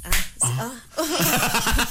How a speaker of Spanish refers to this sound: Sí, ahora son más aplausos. Aplauso, amigo, no te